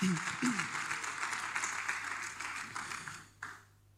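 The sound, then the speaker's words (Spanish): A crowd applauds steadily in praise of Christ one afternoon, a dense wash of many hands clapping together for a few seconds before it quickly fades out, with a brief voice underneath at the start. “Dele palmas de alabanza a Cristo en esta tarde.”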